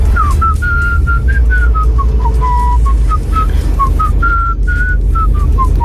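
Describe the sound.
Someone whistles a catchy pop tune, sent in as an app voice message, as a string of short, clear notes rising and falling around one pitch range, steady over a constant low rumble like a car interior.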